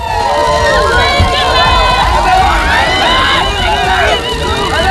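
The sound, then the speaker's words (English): A large crowd in Nottingham cheers the Duke and Duchess of Sussex at their first joint engagement since returning to the UK, calling out continuously, many overlapping voices forming a loud, steady hubbub that carries through the whole stretch without pause. “And the Duke and Duchess of Sussex have been cheered at their first joint engagement since returning to the UK.”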